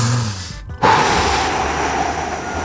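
A strong, forceful exhale during a breathing exercise, made by a person seated on a chair, rushes out as a loud, steady breathy hiss lasting nearly two seconds, right after a brief pause with a faint low hum before it.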